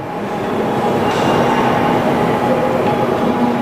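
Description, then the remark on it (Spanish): A Shinkansen bullet train in Japan rushing past, a steady, loud rumble and rushing roar with faint high whines, holding constant throughout with no voices. “Los trenes que circulan aquí son diferentes de otras series de Shinkansen.”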